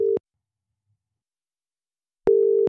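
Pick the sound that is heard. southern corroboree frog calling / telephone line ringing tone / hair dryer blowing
telephone line ringing tone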